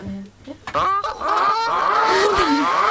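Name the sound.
goose squawk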